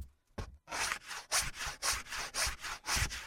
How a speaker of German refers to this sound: Du kannst inzwischen schon die Kanten von den Holzfüßen abschleifen. Da, hier, da ist das Sandpapier.